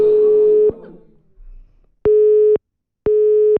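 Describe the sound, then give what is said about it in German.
A telephone line clicks off, then a steady busy tone beeps twice in even pulses, each about half a second long, loud with silence between. “bist du weggedrückt worden?”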